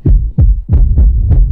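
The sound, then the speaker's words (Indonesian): A loud heartbeat pounds rapidly, with heavy low thumps arriving in quick pairs, each beat booming and throbbing with no other sound around it. “Suara derap jantungmu saat menerima kejaran dengan ancaman.”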